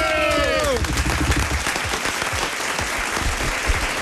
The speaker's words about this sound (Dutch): En geef hem een heel groot applaus, want bij ons in de studio vandaag,